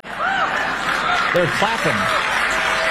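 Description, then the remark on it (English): An audience claps steadily and loudly for the whole stretch during a speech by Robert De Niro, a dense wash of applause with scattered laughter and whooping voices rising over it. “They're clapping at the sentiment that it's foolish to love your own country, that it's foolish to love the United States of America.”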